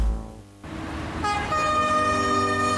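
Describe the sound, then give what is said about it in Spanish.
A train rumbles past with a steady roar of wheels on track, and about halfway through a loud, sustained horn blast joins in and holds to the end. No one speaks. “Si vas a cruzar la vía férrea, hazlo únicamente por los pasos habilitados y siempre respeta las señales reglamentarias de seguridad que allí existen.”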